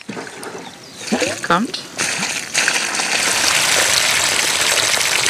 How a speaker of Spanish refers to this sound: simulará ahora una fuerte lluvia con un tanque de agua y una manguera